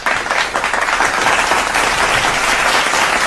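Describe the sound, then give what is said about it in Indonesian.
A steady burst of applause from a group, dense and loud with many overlapping claps forming a continuous wash of sound, no voices standing out. “Tepuk tangan.”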